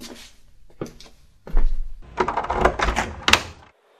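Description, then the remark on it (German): A door is opened with a few sharp clicks, then a heavy scraping, rattling creak of wood and hinges, ending in a firm knock before falling silent. No voices. “Die Orks haben diese Tür hier bewacht.”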